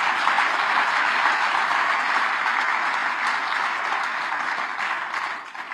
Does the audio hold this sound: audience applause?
yes